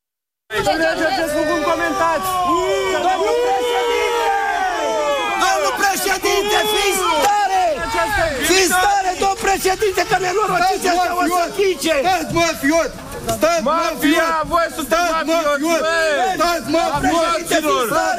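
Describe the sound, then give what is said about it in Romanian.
A large crowd boos and jeers at police officers leading Călin Georgescu out of his house in handcuffs, a dense mass of overlapping shouts and howling voices that stays loud for the whole stretch with no break. “Este evenimentul zilei și probabil unii dintre dumneavoastră sunteți încurcați de huiduierile pe care le-ați auzit.”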